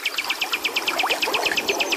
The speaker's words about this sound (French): C'est apaisant d'être là, c'est relaxant de se retrouver en pleine nature comme ça, d'entendre les oiseaux voler, chanter, et le bruit de l'eau aussi qui nous berce. C'est agréable.